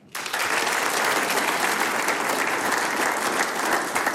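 Sustained audience applause for a band, a six-man group, begins abruptly and holds steady and loud for several seconds, a dense wash of many hands clapping with no voices standing out.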